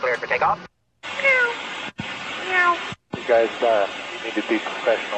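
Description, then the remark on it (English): Several pilots imitate cat meows over a tinny, band-limited radio channel, the drawn-out meows coming in bursts split by abrupt silent breaks as transmissions key on and off. “The meowing pilots. Here they are.”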